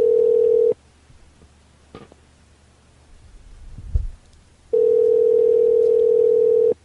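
A steady, loud phone dial tone hums at a single pitch, cuts out for about four seconds of near silence with a faint rustle and low thump, then returns unchanged.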